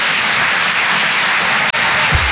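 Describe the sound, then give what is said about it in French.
A dense, steady wash of audience applause, loud and continuous for the whole stretch, with a momentary break partway through and no voices on top. “Ceux qui n'ont pas applaudi, c'est les jaloux.”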